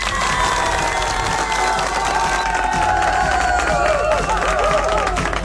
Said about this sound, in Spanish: ¡Un fuerte aplauso!